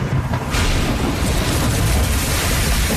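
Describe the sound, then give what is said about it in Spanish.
A loud, heavy crash hits about half a second in and rolls into a sustained, booming roar of rumbling noise, like a tree branch smashing onto a roof in a storm. No voices. “Cuando le cae una rama a tu techo durante la tormenta, dices... ¡Cielos!”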